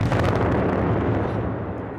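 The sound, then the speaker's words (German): A demolition blast bringing down the old boiler house of Block B and two outbuildings, its sound taking a good 3 seconds to arrive, rolls in as a deep, loud, sustained rumble, broad and booming, holding steady for about two seconds before beginning to fade. No voices are heard. “Der Schall braucht gut 3 Sekunden, bis er ankommt.”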